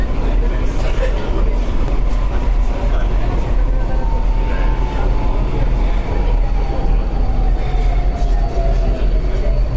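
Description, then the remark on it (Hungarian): A driverless automated train runs with a loud, steady rumble and rattling wheels throughout, heard from inside the carriage, with muffled voices faintly mixed into the noise. “mert a babát, akit elütünk, az most fogjuk berakni a vonat alá”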